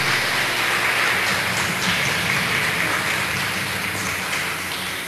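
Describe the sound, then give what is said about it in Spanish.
An audience at a Mass applauds the mothers present on their day, with dense, steady clapping that keeps a loud, even wash of sound throughout, easing off slightly at the very end. No voices can be heard over it. “Y por ustedes que están acá presentes, por favor, los hombres, regalémosle fuertes aplausos a las mamás que están acá hoy en la Eucaristía.”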